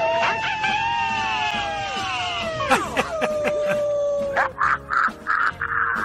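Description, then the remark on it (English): A man lets out a long, wavering howl that slides downward in pitch over several seconds, then breaks into a quick run of short, rhythmic yelping bursts. “I might give you a howl.”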